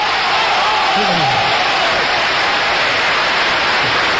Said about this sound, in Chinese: 乡亲们呢， 啊， 用热烈的掌声来抒发他们对我父亲马三立的深切的感情。